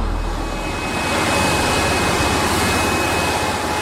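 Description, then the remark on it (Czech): A tunnel-cleaning vacuum train, with its suction slats extended, blasts compressed air off the tunnel lining into the gap between them, swirling up dust. The sound is a loud, unbroken roar, a dense rushing hiss with a thin steady high whine running through it and no voices. “Do toho meziprostoru ten tlakový vzduch odfukuje z ostění.”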